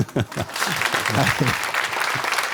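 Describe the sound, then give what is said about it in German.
An audience claps steadily for a few seconds, a dense wash of many hands with a few voices mixed in underneath. “Wollen Sie nochmal applaudieren?”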